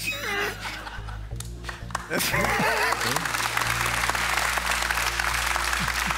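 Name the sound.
audience applause and laughter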